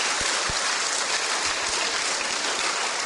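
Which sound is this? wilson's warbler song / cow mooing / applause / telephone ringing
applause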